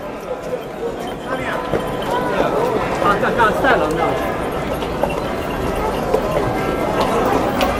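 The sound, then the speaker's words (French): Many horse hooves clip-clop together in a steady, overlapping clatter as a historic procession of about 80 to 100 riders devoted to the Virgin Mary arrives in a château park, with a busy murmur of voices running underneath throughout. “On est arrivé dans le parc du château et les cavaliers sont descendus de leurs chevaux.”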